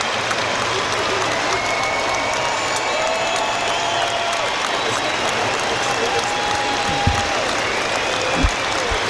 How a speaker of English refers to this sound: So applause ring out around the ground for those no longer with us in a mark of respect. And everyone stands to join the minute's applause.